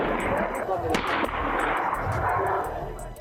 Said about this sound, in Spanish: Sí, se escucha disparos al aire.